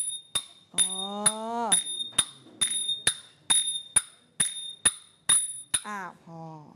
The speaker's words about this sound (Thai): ต่อไปเครื่องตีนะคะทำจากโลหะนั่นก็คือชิงนั่นเองลองตีสิคะระวังนิ้วนะคะตีให้เกิดเสียงโอเคเด็กๆตีเลยตีไปเรื่อยๆค่ะเพื่อนๆดูนะคะว่ามันเกิดเสียงยังไง